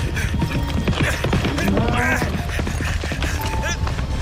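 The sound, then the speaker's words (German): Heavy hooves of a charging bull pound rapidly through a dense, noisy scene, a continuous trampling rumble with shouting voices and animal calls rising over it. “Achtung! Bring dich in Sicherheit! Er kommt! Der Stier kommt!”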